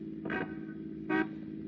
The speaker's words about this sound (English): Hey, step on it. He's driving away.